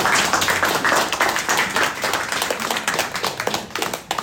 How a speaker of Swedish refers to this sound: En applåd för dem här.